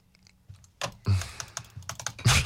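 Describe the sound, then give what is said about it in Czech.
Computer keyboard keys clicking in quick, irregular bursts, with a few louder clacks standing out. No one speaks. “Slyšíte to cvakání?”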